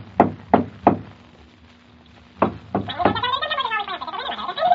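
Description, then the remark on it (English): A door knocker on a bright red door clacks three times in a quick, even rhythm as an elf swings back and forth on it, pauses, then strikes twice more before a person starts talking over a faint steady hum. “He tried to get me to open the door, but when I wouldn't, he jumped onto the door knocker and swung back and forth on it.”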